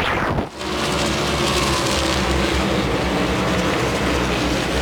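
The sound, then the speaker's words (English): A dense, loud roar of NASCAR Cup Series stock car engines at Richmond Raceway, three laps into the race, fills the scene after a brief dip, then holds steady as a continuous racing drone with a deep rumbling undertone and no voices. “Three laps are on the board, just underway here at Richmond Raceway in the Cookout 400.”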